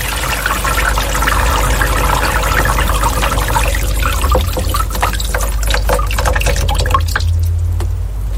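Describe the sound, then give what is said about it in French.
Heavy rain pours down from dark clouds in a steady, dense rush, with scattered sharp drips and splashes breaking through the hiss. It thins slightly near the end, and no one speaks. “Vous entendez les nuages noirs qui déversent la pluie?”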